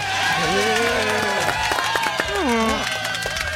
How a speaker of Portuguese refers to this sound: Agora sim, os caras que jogaram bola, jogaram muita bola. Senhoras e senhores, uma salva de palmas para Dentinho.